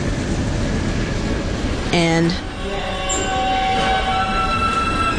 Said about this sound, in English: That I've been hearing in the subway since I was a younger person, probably since I was in middle school. It's a sound that you hear when you're standing on the platform and the train is just about to leave the station.